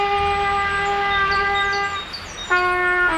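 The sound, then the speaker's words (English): A kid learning the trumpet blares one long, brassy, unpolished note that wavers slightly, breaks off briefly, then blasts back in abruptly. Loud, with no one speaking. “We can't help the kid next door learn the trumpet any faster.”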